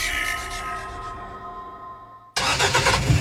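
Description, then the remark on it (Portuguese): A car engine hums with a steady whine, then abruptly bursts into a loud, rough roar as it catches and revs, prominent, with no voices. “O Dia dos Pais está chegando e o motor do seu melhor companheiro de estradas precisa estar voando.”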